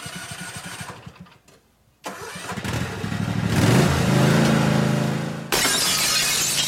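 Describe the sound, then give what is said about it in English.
A small lawnmower engine sputters and revs up, growing louder and rougher, then a car's side window shatters in a sudden crash of breaking glass that cuts in sharply near the end and rings on. “Richie's can fix your broken automotive side glass from those pesky lawnmowers, even rock chips.”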